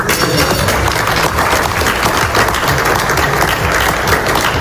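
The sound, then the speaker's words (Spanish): Sustained applause from a group of people, steady and fairly loud, with dense clapping filling the whole stretch and no speech over it, at a signing ceremony at the Palace of Versailles, France, during the G7 summit, as Donald Trump signs an agreement with President Macron applauding beside him. “Este era el momento de esa firma que aplaudía a su lado el presidente Macron.”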